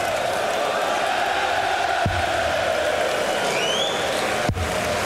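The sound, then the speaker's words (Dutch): A large darts crowd at a European Tour tournament in Slovakia roars and cheers after a 180 is thrown, in a dense, steady wall of noise, with two brief low thumps cutting through the din. “Publiek vermaakt zich uitstekend.”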